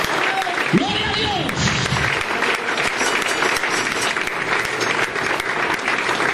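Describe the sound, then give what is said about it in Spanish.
A church audience applauds steadily for God, a dense, even wash of clapping that holds for the whole stretch, with a brief voice rising over it near the start. “Un aplauso fuerte para Dios, hermano.”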